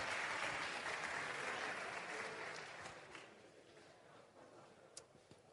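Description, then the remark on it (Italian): A crowd at a Forza Italia event applauds Reggio Calabria mayor Francesco Cannizzaro. A dense wash of many hands clapping starts loud and gradually thins out, with a few scattered isolated claps near the end. “è anche lui un grandissimo sindaco di Forza Italia, neoletto sindaco di Reggio Calabria con il 65% e anche da poco confermato segretario regionale di Forza Italia in Calabria, Francesco Cannizzara, a cui chiediamo un grandissimo applauso.”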